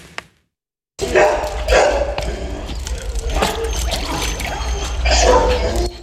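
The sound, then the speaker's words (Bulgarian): Over 100 stray dogs at an animal shelter bark repeatedly while pools and water cool them in hot weather, over a busy outdoor bed of splashing and trickling water, with a steady noisy background throughout after a brief silent start. “Сянка, повече вода и басейни разхлаждат над 100 бездомни кучета в приюта на фондация Animal Rescue.”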